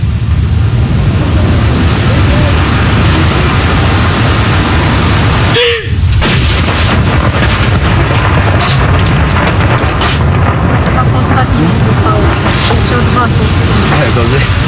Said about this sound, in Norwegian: Alt utføres selvfølgelig med en enorm presisjon. Og det følges med på klokka. Og det kommandanten da som leder denne avfyringen av disse saluttene. Første kanon!